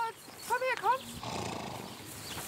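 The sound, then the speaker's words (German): A large brown racehorse at a stud farm, in training for the racing season, whinnies with a quick, wavering series of high neighs, followed by a lower snorting rumble and steady background noise. “Demnächst geht die Saison los für den großen Braunen.”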